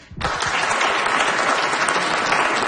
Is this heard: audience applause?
yes